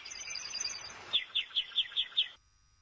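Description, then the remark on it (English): A small bird chirps brightly: a quick warbling trill, then six short, evenly spaced high tweets in a steady rhythm before falling silent. “Tiếp theo là ai nhỉ? À, a bird.”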